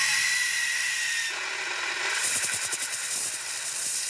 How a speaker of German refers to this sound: Dann geht's los mit den Pulverlöschern. Wie lange spritzen sie und wie weit? Laut Experten sind 2 Meter die Mindestlänge, die ein Feuerlöscher dieser Größe erreichen sollte.